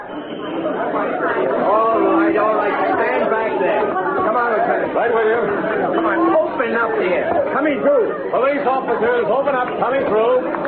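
A large crowd of onlookers that has gathered at the scene as police detectives arrive chatters continuously. Many overlapping voices blend into a steady, fairly loud babble with no single speaker standing out, holding an even level throughout.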